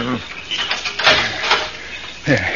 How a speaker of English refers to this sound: I have the key right here. I'll have the padlock off in a minute.